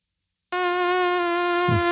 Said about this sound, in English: Terrible sound. The mosquitoes at Edmonton's Royal Mayfair course, Corey, have been overwhelming at times with record-breaking precipitation in the city this summer. Experts say mosquito populations are 15 times larger than normal.